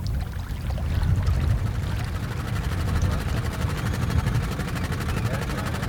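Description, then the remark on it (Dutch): A steady, low mechanical drone of large grab cranes working in the background on a polder dike, where a large gap is being made in the dike, a soft engine-like rumble with a faint, even hiss above it, runs unbroken throughout with no clear voices. “Zacht gezoem van de grote grijpers, de kranen die op de achtergrond aan het werk zijn.”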